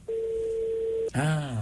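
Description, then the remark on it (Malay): A steady, clear telephone tone on a radio phone-in line holds for about a second, then cuts off abruptly as the call drops, and a voice immediately starts speaking. “Putus-putus telefon semula.”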